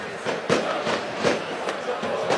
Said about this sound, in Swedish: Man hör också fyrverkerismällar. Jag tänker ni hör dem i bakgrunden, va?